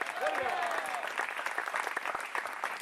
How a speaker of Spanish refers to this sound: Dele un fuerte aplauso al Cristo del Señor. A su nombre.